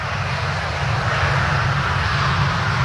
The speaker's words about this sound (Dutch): Ik hoor een vliegtuig.